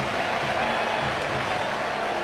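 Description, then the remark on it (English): A large baseball stadium crowd roars steadily for a couple of seconds after Alex Bregman's base hit lets Seiya Suzuki score, putting the Cubs up 6-1. It is a dense, sustained wash of cheering voices with no single voice standing out. “Another run is in. Cubs lead 6-1. Listen to this crowd.”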